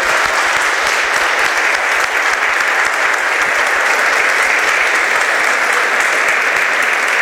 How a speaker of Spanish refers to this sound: Así es que mientras llegan, les damos un aplauso al Padre por este aniversario.